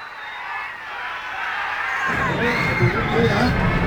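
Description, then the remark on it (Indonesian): A crowd of spectators cheers and roars in a dense, continuous wash of voices, growing louder and fuller about halfway through and holding steady to the end, eagerly awaiting the performance of the Gianyar Regency delegation on stage. “Sorak penonton gemuruh niki.”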